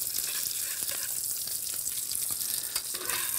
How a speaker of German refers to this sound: Ich kann das ein bisschen unter Kontrolle behalten. Ich gehe mal mit der Temperatur ein bisschen zurück. Lange muss das ja da nicht in die Pfanne, oder? Nein. Das ist ja ein dünnes Fleisch. Also es geht relativ schnell dann.